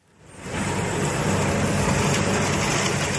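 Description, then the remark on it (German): A tractor fitted with a large hoe fades in over the first half second, then runs loud and steady with a broad, rumbling roar and rattling machinery noise as it drives through cut grass in a field on the border between Mecklenburg-Vorpommern and Schleswig-Holstein. No voices. “Landwirt Henning Aholz hat seinen Trecker mit einer Riesenhacke ausgerüstet und fährt durch das abgeschnittene Gras.”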